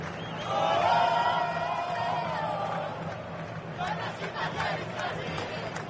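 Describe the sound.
A large stadium crowd of Brazilian fans at a Brazil versus Norway football match roars and chants in unison, a sustained swell of voices that fades slightly before rhythmic bursts of singing and clapping rise again, steady across the whole clip.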